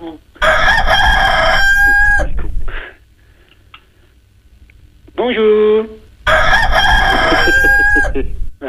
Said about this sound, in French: Ah ben ça cocoricote tout le temps. Allô. Allô, ça fait cocorico.